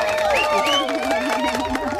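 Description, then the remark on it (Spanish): Thin, half-hearted audience applause mixed with crowd murmur and a few scattered cheering voices, steady at moderate volume for the whole moment. “Claro, la verdad que como aplauso me ha quedado un poquito flojo, debo reconocer.”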